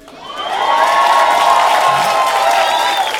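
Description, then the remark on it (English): A crowd cheers and claps, swelling quickly into a loud, sustained roar of voices and applause that holds steady for a few seconds, with a few higher whoops riding on top. “See, every black person in here should be clapping because we got to ride that nigga till the wheels fall off.”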